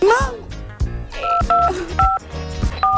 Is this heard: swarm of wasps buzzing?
no